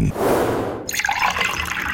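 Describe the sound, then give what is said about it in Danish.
Cold water is poured in a steady, splashing stream that shifts partway through to a brighter, gurgling trickle as the vessel fills, lasting about two seconds with no voices; it is poured for a test of telling cold from warm water by sound. “Det er koldt vand.”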